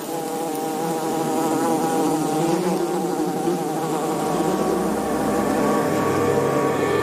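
A small group of male ground-nesting bees patrol the entrance of their underground colony dug in sand, a steady, dense buzzing of several bees droning together, with overlapping wingbeat tones that rise and fall slightly in pitch as they fly about, continuous and fairly loud with no voices.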